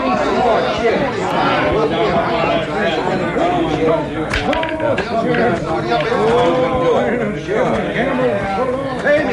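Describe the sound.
A dense murmur of many overlapping voices of a crowd at a bar with gambling fills the whole stretch, steady and fairly loud, with scattered laughs and brief shouts rising out of the general chatter.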